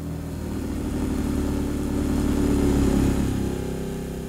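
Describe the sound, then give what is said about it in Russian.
A car engine rumbles steadily, its low hum swelling a little louder before fading slightly as the vehicle drives off. No one speaks. “Кто это сейчас на машине уехал?”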